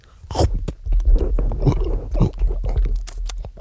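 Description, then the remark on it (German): Loud chewing and biting on tough, rubbery edible underwear, with a steady run of wet, crunchy gnawing sounds and tearing bites, and no talking. “Sehr zäh. Ja, nun. Ja, und man kann gar nicht richtig abbeißen irgendwie und...”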